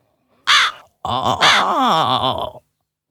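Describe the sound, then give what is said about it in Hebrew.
A crow caws loudly: one short harsh call, a brief pause, then a longer run of rough, wavering caws. “למה לא? קרא עורב.”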